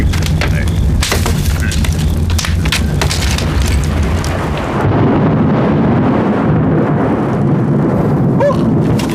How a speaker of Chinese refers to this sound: 怎么回事？这么大的雷啊，吓我一跳。你看，要下雨了。